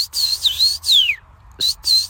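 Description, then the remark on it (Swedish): Someone whistles an imitation of a common rosefinch song to test a bird-sound app, which identifies it as a common rosefinch: a few clear, high whistled phrases, one gliding downward, separated by brief pauses, with no talking. “Ja, nu dök det upp. Common rose finch.”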